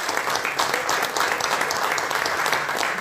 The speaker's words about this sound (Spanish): Vino a saludarme hoy y quiero que todos ustedes me den un aplauso porque ya está haciendo el camino.